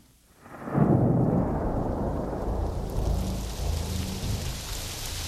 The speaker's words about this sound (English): I got caught in this pouring rain and lost the baboons. So I headed downhill toward the lake because that was the way home. And when I got to the beach, it was still pouring.